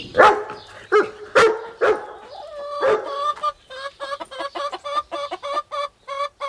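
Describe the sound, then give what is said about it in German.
In a henhouse, a dachshund jumps up and lets out five or so sharp barks in quick bursts, then three hens squabbling over food take over with a rapid, agitated run of clucking. “Der Dackel springt auf und bellt.”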